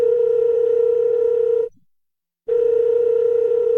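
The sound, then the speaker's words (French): A loud, steady telephone dial tone hums for about a second and a half, breaks off into brief silence, then starts again just as strong, marking the phone call from a trumpeter to a pianist in spring 1963. No voices are heard. “On est au printemps 63, le pianiste … a reçu un coup de téléphone de … la veille.”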